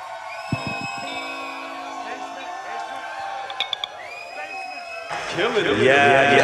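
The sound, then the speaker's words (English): After a stretch of steady, sustained tones, a crowd bursts into loud cheering and whooping that swells and keeps rising through the last second or so. “I said, make some noise, y'all.”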